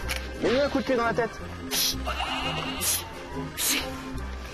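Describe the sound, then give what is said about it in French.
A sheep bleats loudly and wavers near the start, followed by fainter bleats amid a busy mix of clattering and rustling, with people talking nearby, as the sheep try to get out. “Attention, les moutons, ils veulent sortir là.”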